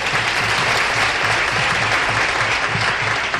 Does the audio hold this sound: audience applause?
yes